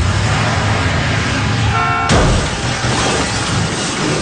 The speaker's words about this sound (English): The car chase scene and the ultimate crash perspectives are so excellent.